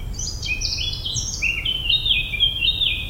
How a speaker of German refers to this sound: Vielleicht setzen Sie sich dabei auf eine Bank unter den Bäumen, lauschen dem Gesang der Vögel und lassen Ihre Seele für einen Moment frei atmen.